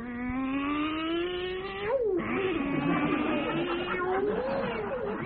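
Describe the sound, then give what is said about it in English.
A sound effect of a cat in the style of a truck: a long, continuous cat-like yowl with a low, engine-like drone, sliding up and down in pitch like a truck changing gears. It's loud, lasting about five seconds without a break. “First, cat in the style of a truck.”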